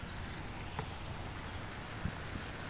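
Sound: rain falling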